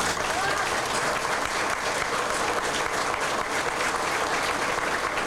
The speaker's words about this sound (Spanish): De manera especial, entonces, a nuestros voluntarios, para los cuales les pido un aplauso, por favor.